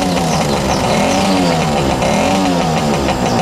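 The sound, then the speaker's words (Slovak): A motorcycle engine revs loudly and steadily, its pitch rising and dipping in waves over a few seconds, with no voices. “Pozrite na toho motorkára, čo ide k svojej mašine.”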